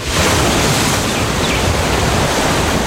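Ocean waves wash steadily against the shore, a loud, continuous roar of surf with no distinct breaks and no voices.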